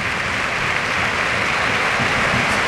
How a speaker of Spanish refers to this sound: Ovación para Raúl, de la Cartuja.